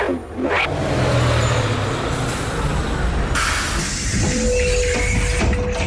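A school bus rumbles up and slows to a stop, its heavy engine droning steadily, with a sharp air-brake hiss and a thin brake squeal near the end.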